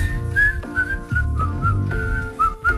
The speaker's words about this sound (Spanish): Nos vamos silbando, mirá.